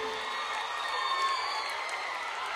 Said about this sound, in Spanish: Muchas gracias. Un aplauso, por favor.